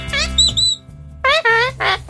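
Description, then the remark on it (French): A person imitates a parrot, letting out about five loud, screechy squawks and whistles in quick succession over a low background hum. “Oui, un perroquet, mais qui répète mais mal.”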